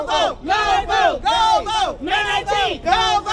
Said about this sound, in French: Une foule se rassemble au centre-ville de Selma.